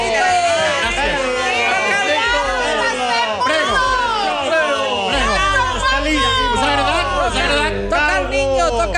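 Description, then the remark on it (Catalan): Dense crowd chatter fills a packed square as Mussolini, after his speech, comes down from the stage to greet his supporters: many overlapping voices talking and calling out at once in a steady, loud hubbub, with occasional higher-pitched shouts rising above the babble. “Enmig d'aquesta gentada, sí, és quan passa per davant de Violet Gibson.”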